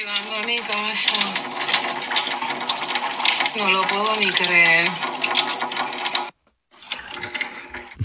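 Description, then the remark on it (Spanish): Water gushes loudly and steadily from a tap at a home where the water supply has just come back, while a person talks excitedly over the rushing stream; the flow cuts out briefly near the end, then returns more faintly. “Y hizo este comentario y se escucha el chorro. Me acaba de llegar el agua, llegando a mi casa.”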